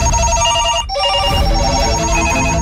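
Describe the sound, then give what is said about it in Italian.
Several telephones ring at once in a loud, continuous overlapping clatter of bright electronic trills, with a brief dip near the start before the ringing resumes; the calls are for Marco of the Radio Norba programme La fattoria. “Sente questi telefoni che non smettono di suonare?”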